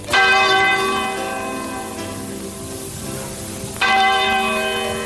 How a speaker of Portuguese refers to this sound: E quando o ponteiro daquele relógio da torre da igreja deu meia-noite, começou a tocar.